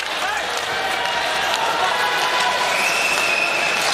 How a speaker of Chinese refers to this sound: 这球好像有哨声，但这个哨声好像是来自于观众席。